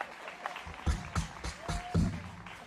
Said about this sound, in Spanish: Dos aplausos medios quebrados ahí.